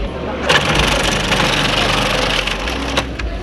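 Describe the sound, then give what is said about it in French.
A food processor finely shreds cut cabbage, which is then put into a salad bowl: a loud, steady motor whir runs the whole time under dense, crunchy ripping, with a few sharper crackling bursts near the start and again toward the end. “le passe au robot mixeur et le dépose ensuite dans un saladier.”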